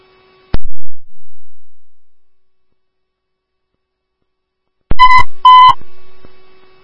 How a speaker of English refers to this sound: All this is your tones for the motor vehicle crash detection, Manning Avenue North and 60th Street North.